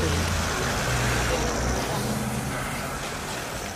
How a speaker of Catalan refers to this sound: Així en marxava, en un cotxe, sense parar-se davant la premsa, Gianni Infantino.